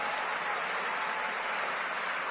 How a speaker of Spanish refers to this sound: Y denle un aplauso al Rey de Reyes y al Señor de Señores.